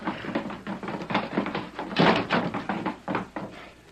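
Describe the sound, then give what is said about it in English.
A door bangs open amid a flurry of quick thumps and scuffling as people rush out the door, several sharp knocks tumbling over one another at moderate loudness, with no voices. “Now, quick, out the door.”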